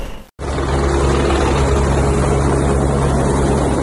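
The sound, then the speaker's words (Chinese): A loud, steady helicopter drone roars after a brief instant of silence at the start, its low rotor throb and broad engine noise holding constant throughout; a helicopter transferring a worker rescued from a hydropower station tunnel in Nepal to a hospital. “获救后通过直升机转运至后方医院接受治疗。”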